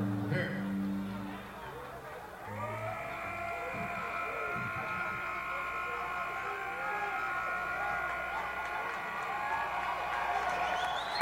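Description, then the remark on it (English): A crowd applauds steadily, the dense patter of clapping filling the whole stretch, with sustained cheering or whooping tones rising over it after the first couple of seconds. “Round of applause, boys.”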